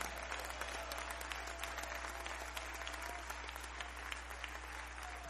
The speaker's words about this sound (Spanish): Si lo crees, dale el mejor aplauso al Señor.